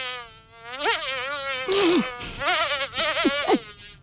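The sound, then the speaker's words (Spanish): A continuous fly-like buzzing that wavers and dips in pitch for about four seconds, with a breathy burst midway, apparently a voice imitating a buzzing fly. “…, ¿qué te parece esta mosca?”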